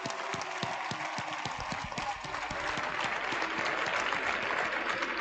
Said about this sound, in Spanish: Y queríamos acordarnos de ella. Así que un fuerte aplauso para María, que está viéndonos desde arriba.